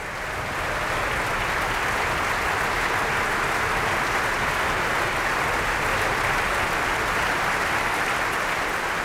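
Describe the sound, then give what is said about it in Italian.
An opera audience applauds at a curtain call for the eight Valkyries in a Richard Wagner Nibelungen production: a dense, steady wash of clapping from many hands that stays loud and even for the whole stretch, with no voices rising above it. “Und dieser Applaus, der gilt den 8 Walküren.”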